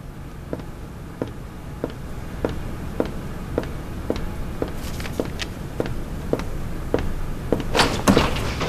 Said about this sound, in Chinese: 呀，舅爷来了，去开门。 不去，您去吧。